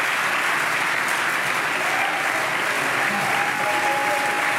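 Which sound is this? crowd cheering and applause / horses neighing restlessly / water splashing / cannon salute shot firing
crowd cheering and applause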